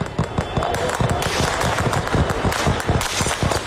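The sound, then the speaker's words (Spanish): Rapid, sustained bursts of gunfire from low-flying aircraft crackle without pause, dense overlapping shots in a fast irregular rhythm, loud, with no voices. “Lo siguiente fueron enfrentamientos en las calles, los carros de combate tomando las avenidas, el Parlamento atacado, disparos desde aviones que volaban a baja altura.”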